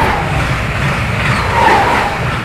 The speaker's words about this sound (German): Wenn der Zug hier vorbeifährt irgendwie, das ist für mich nicht unbedingt ein Zeichen der Hoffnung. Weil das ist eher so ein Geräusch, was irgendwie alles unterbricht. Es hat irgendwie sowas Disruptives.